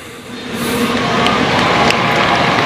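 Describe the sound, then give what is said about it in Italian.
A large crowd applauds and cheers outdoors before Pope Leo's Sunday address, a dense, steady wash of clapping that swells slightly after the first half second and stays loud throughout, with no one speaking. “E sentiamo l'applauso, ora ascoltiamo Papa Leone.”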